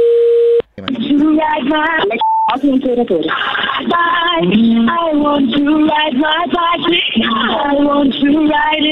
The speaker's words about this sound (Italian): Avete l'attesa del telefono più brutta che ho mai sentito nella mia vita proprio.